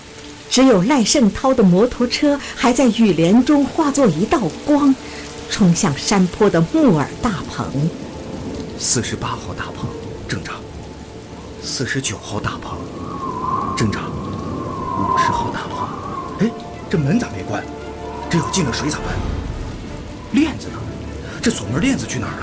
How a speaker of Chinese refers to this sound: 一旦暴风雨来临，却是另外一副样子。狂风夹杂着暴雨，铺天盖地的倾泻而下，人们纷纷躲进家里。